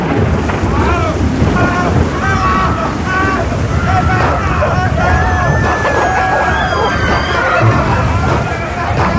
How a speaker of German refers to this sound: An Bord befand sich auch ein gewisser Robinson Crusoe. Doch das Schiff geriet in einen gewaltigen Sturm und dann passierte Folgendes.